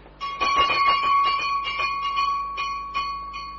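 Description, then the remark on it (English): A servant's call bell for the gentleman's room rings insistently, its bright metallic tone struck over and over in a quick, jangling burst that carries on for several seconds, fairly loud with no voices. “It's the bell of your room, sir. If you're down here, who rang it?”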